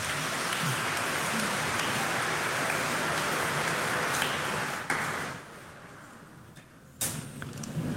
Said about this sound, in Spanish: Amén. Viva Cristo Rey. Un aplauso a Cristo.